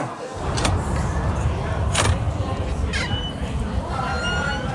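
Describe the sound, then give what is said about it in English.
A door is opened, with a few sharp clicks and rattles spaced over several seconds against a steady, noisy background hum and faint murmuring voices. “You're leaving that door open?”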